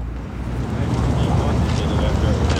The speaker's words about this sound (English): standing here right now on the Michigan Avenue Bridge, and the Chicago River is right underneath me. There's some ducks floating under there, and a boat just went by. And here's another one coming.